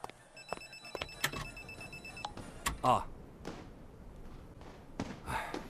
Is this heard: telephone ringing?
yes